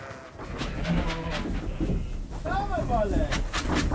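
Pregnant East Frisian milk sheep bleat a few times while being moved with a livestock trailer, with one wavering, mid-pitched bleat standing out partway through, over a steady, loud rumble of background noise and shuffling.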